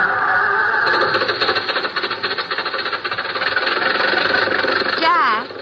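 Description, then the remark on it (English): A car engine starts and runs at a steady idle, a continuous mid-pitched rumble with a faint rattling texture, rising briefly near the end as if revved. “I think they're going to drive off.”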